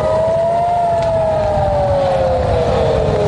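An air raid siren wails in Kyiv, its long tone slowly sliding downward in pitch, loud and sustained over a low rumble of background noise, with no voices.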